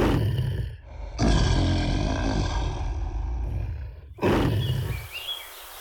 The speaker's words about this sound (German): Was ist mit den Löwen los? Lasst uns nachschauen. Ist das düster da unten? Hilfe! Den möchte ich nicht näher kommen.